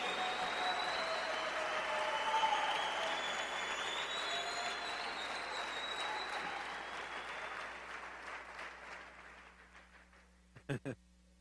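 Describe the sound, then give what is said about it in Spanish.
A crowd claps loudly in a dense, sustained burst that gradually fades over several seconds, ending with a few sharp, isolated claps. “Gracias, gracias, el aplauso al rey.”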